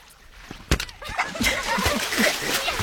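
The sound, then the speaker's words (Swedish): Water splashing as a person moves through water in Östergötland, Sweden: a couple of sharp splashes, then steady sloshing and churning, with faint voices mixed in underneath. “Jag har nu, hör ni plasket?”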